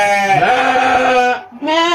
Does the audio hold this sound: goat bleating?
yes